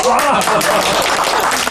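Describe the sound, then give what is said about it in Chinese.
A burst of loud, dense clapping from a small group celebrating a young man's new permanent job at the forestry bureau, steady and busy throughout, with voices chattering underneath. “此处可以有掌声啊。”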